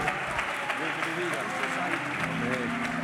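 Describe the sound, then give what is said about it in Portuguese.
A church audience applauds steadily during a morning service to welcome a preacher, a dense wash of many hands clapping at a fairly loud, even level for a few seconds, with some voices murmuring underneath. “Que maravilha, recebamos o servo de Deus com palmas bem forte, bem alegre para Cristo.”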